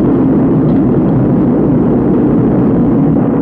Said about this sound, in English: 9, 8, we have ignition. 6, 5, we have outboard engines. 3, we have inboard engines. 1, 0, we have a launch commit. We have a liftoff at 35 minutes after the hour.